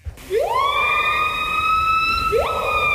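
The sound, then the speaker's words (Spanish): A siren-like bird call: a loud tone swoops upward and holds as a long steady wail, then a second rising swoop starts just before the end. No voices accompany it. “Uno de los dos es un pájaro. El primero.”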